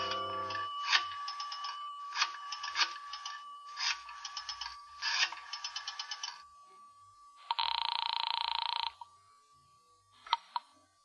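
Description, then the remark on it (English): A telephone rings in four rapid, rattling bursts, loud, followed by a sustained electronic tone and a couple of sharp clicks, as a call is placed from a phone booth in a residential hotel lobby. No one speaks. “I decided I'd try calling her again.”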